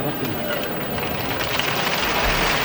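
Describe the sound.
A crowd applauds steadily at the San Mateo festival proclamation (pregón) in 1983, dense overlapping claps forming a loud, continuous wash of noise with a faint murmur of voices mixed in, holding an even level throughout. Recording from the Radio Asturias sound archive.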